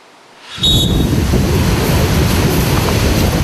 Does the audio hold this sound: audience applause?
no